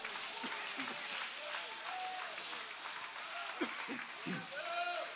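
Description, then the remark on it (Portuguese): A church audience applauds to Jesus in a steady, dense wash of clapping, with scattered voices calling out over it throughout. “Pode aplaudir, é para Ele as suas palmas.”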